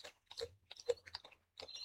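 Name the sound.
koala chewing eucalyptus leaves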